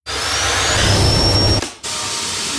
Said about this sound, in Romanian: Bosch aspirator vertical Unlimited cu tehnologia MicroClean aspiră chiar și murdăria microscopică